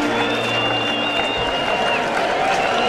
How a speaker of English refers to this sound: This crowd is on its feet. Crowd of better than 30,000.